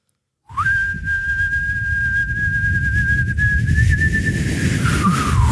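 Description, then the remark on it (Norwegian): A man whistles one long, steady note held for six seconds in a radio studio whistling challenge, rising briefly at the start and wavering slightly near the end, over a low rumbling background noise. “For han plystret ikke på slutten.”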